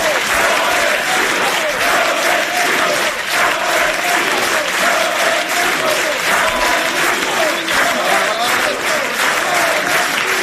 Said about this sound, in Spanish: Aplauso de Ronaldo, de Roberto Carlos, en el escenario, mientras Florentino saluda.